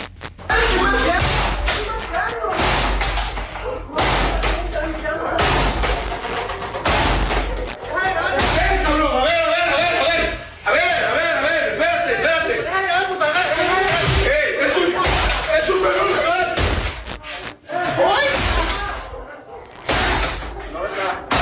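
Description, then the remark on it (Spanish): Loud, repeated heavy blows and crashes as an armed group forces and breaks in the door of a house where a journalist is, the impacts coming in uneven bursts, with raised voices and commotion throughout. “Un grupo armado rompiendo la puerta en donde estaba”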